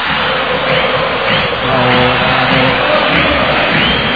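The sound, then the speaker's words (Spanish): A large crowd of Argentina football fans, all in Argentine shirts, sings a chant together, a dense, loud mass of voices with a steady rhythmic swell that fills the whole clip without pause. “El himno de Qatar. Cómo la cantamos, en el subte, en las canchas, en las calles, para la eternidad”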